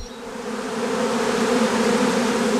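A steady, dense drone of many honeybees buzzing around an open hive at a bee stand with several honeybee colonies, a continuous hum with strong tonal bands that holds evenly throughout, with no talking.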